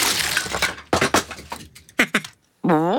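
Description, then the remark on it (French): A loud clatter of small toy cars tumbling and knocking together in several quick bursts, then a short pause and a brief nasal, squawking cry at the end. “Les petites voitures.”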